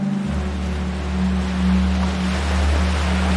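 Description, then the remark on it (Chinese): A steady wash of sea water in a bay of the inner sea at Xiapu, China, fills the scene, with a low, constant engine-like drone running underneath throughout; no one speaks. “我看到这边就是辽阔的大海，然后在对面鳞次栉比的全是民宿。”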